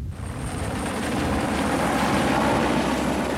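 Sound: helicopter approaching overhead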